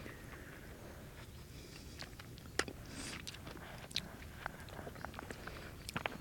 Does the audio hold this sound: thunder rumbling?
no